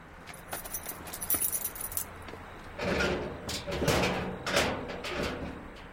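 Keys jingle briefly as a driver unlocks the back door of a sports centre after midnight; a lock clicks and the door is pushed open with a few scraping, rattling thumps, then quiet shuffling.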